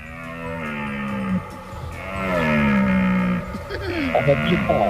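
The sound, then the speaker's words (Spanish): A red deer stag bellows during the rut: deep, drawn-out, groaning roars with rich harmonics, several overlapping calls rising and falling in pitch over a few seconds, fairly loud throughout. “Yo creo que es la berrea del ciervo. Pues efectivamente.”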